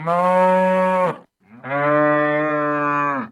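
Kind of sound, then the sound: animal, cow mooing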